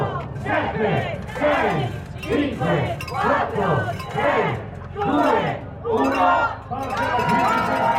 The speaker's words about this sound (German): Ein Etappenstart bei einer Grand Tour gleicht einer Zeremonie. Auch beim Giro d'Italia. Das ganze Peloton ist versammelt. Der Streckensprecher heizt das Publikum nochmal an. Alle zählen die letzten Sekunden herunter.